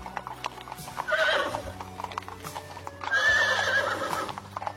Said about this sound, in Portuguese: E muitos servos o acompanharam em outras carruagens e galopando a seu lado nos seus lindos cavalos.